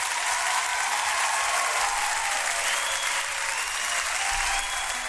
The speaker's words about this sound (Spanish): Así que un aplauso, por favor, para todos quienes están de onomástico hoy día. Todos los Ismael, un abrazo y un aplauso.